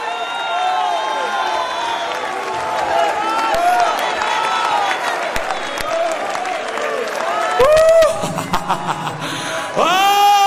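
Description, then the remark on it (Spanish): A crowd at a religious service erupts in loud, sustained shouting and cheering praise to God, many voices overlapping with applause, rising to sharper bursts and whoops near the end. “Si te vas con Él, grita tu alabanza.”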